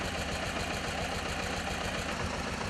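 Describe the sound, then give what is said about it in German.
A historic tractor engine, used as a towing vehicle for trailers, runs steadily, its low, rhythmic chugging pulsing evenly throughout over a broad mechanical hiss, at a constant level with no voices. “Den größten Teil aber bilden historische Traktoren, bei denen man auch noch sieht, wie der Motor arbeitet.”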